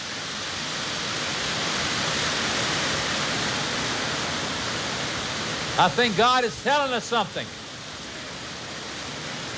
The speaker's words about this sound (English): And we're going to be getting a little rain here. And it sounds wonderful on our roof. Seems like the rain of the Holy Ghost is coming. Amen? Here it comes. Listen.